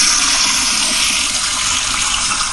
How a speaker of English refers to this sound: All right, let's do a big flush. You ready for it all to go?